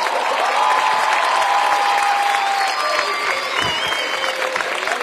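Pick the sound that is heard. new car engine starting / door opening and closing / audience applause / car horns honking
audience applause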